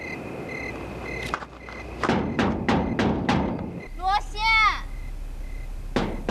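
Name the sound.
knocking on a door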